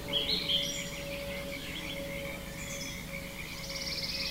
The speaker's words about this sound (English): I think that's a pretty darn good matchup of birds and frogs.